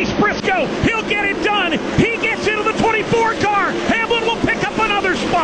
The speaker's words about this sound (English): You can hear the crowd. They're on their feet at the Martinsville Speedway.